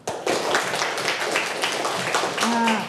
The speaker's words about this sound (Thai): เอาละค่ะเดี๋ยววันนี้นะคะเราจะมาดูนะคะเรื่องของจังหวะนั่นเองนะคะเด็กๆคะเด็กๆนั่งตัวตรงไหนลองปรบมือให้ครูฟังหน่อยค่ะปรบมือ